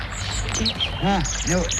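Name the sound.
nightingale singing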